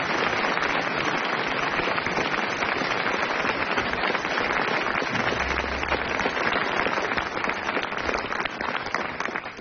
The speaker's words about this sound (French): Il a été très brillant, Hervé Le Tellier, on l'applaudit.